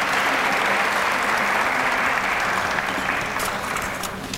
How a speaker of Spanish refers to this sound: Y por supuesto, nuestro artista de Guayaquil, que en esta noche quiso homenajear a cada uno de los presentes. Les agradecemos profundamente. Renovar el aplauso para que él también pueda disfrutar de la presencia de cada uno de ustedes.